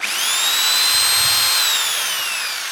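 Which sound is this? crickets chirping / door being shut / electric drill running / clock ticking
electric drill running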